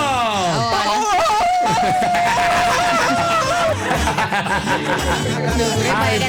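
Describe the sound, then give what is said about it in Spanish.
A recorded scream is played as audio: a loud, high-pitched scream with a wavering pitch cuts through a busy, crowded background, then gives way to excited laughing and overlapping voices. “Un audio de un grito.”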